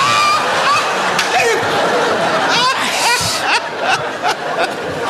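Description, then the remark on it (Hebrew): Water runs steadily as it's poured into a kettle or pot to make coffee, a continuous splashy hiss lasting several seconds, with chuckling and chatter layered on top. “אז בוא נשים מים. בשביל מה? מים בשביל קפה.”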